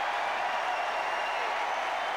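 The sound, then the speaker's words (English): A tennis crowd applauds the players on court after an outstanding battle in a night match involving Djokovic, a dense wash of many hands clapping at once with no break or pause, loud and even from start to finish. “The crowd's acknowledgement to these great warriors on the court and the match they have put on this Thank court you.”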